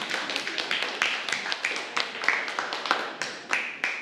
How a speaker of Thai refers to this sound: เพราะฉะนั้นแฟนพันธุ์แท้ประวัติศาสตร์ภูมิภาคเอเชียมีทั้งหมด3กลุ่มด้วยกันขอเสียงปรบมือให้กับกลุ่ม1กลุ่ม2และกลุ่ม3หน่อยค่ะ